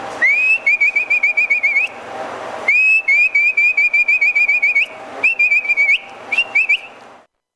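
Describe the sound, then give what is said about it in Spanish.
A herder's whistle for driving pack animals, used to drive horses toward the corral: rapid trills of sharp, high whistled notes in three bursts with brief pauses, loud, no talking. “Ese era el otro silbí. Por ejemplo, el de bestias, uno picaba los atajos y empezaba.”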